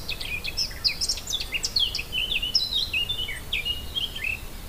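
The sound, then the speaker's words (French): A small bird, a lark, sings a continuous series of bright, warbling chirps and whistled notes over a soft steady background hiss with no voices. “Le lendemain, lorsque la pâquerette eut rouvert ses feuilles à l'air et à la lumière, elle reconnut la voix de l'oiseau, mais son chant était tout triste.”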